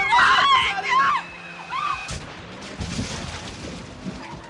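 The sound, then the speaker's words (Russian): Loud, wavering tire screeches of a speeding car whose brakes have failed squeal for about a second, then fade, followed by a sudden sharp crash and a rumbling, clattering aftermath. “Ты едешь слишком быстро, Майк, тормози”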